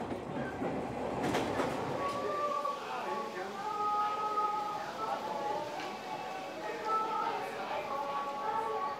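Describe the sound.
Heard from inside a moving 1970s railcar running as the Hanayome Noren special train: a steady rumbling roll with a loud burst early on, then sustained high whining tones over the clatter, with a faint murmur of voices.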